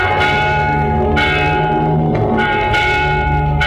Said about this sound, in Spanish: ¿Oís? Es la campana que llama a coro para el rezo de Maitines.